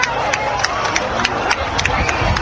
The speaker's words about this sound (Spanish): A las 8:32, tras el fin de la fase total, regresaban también los aplausos y los vítores.